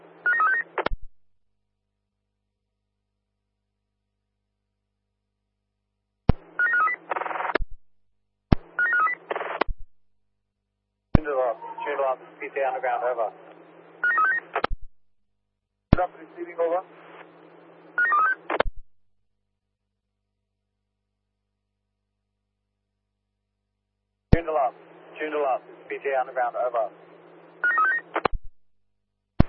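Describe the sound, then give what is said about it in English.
Short bursts of telephone dialing tones sound in separate clusters with long silent gaps between them, forming the jingle of the show PTA Underground; each burst is clear and fairly loud over a steady low hum. “Jingle Up.”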